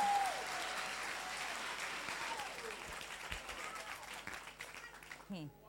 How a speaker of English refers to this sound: Please, let's clap for the man from Okofanochi.